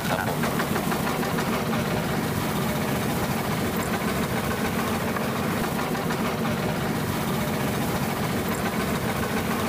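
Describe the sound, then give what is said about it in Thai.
A boat engine idles with a steady, continuous low rumble and fast rhythmic chugging that holds at an even loudness throughout, as the boat approaches Bang Phrai. “พอเข้าใกล้บางไพรนะครับเรือก็จะดับเครื่องเพื่อลดการรบกวนนกรอบๆแล้วก็ล่องเข้าไปช้าๆครับ”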